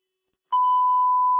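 After a brief silence, a loud radio dispatch beep tone starts abruptly and holds one steady, unbroken pitch for about a second, with no voices.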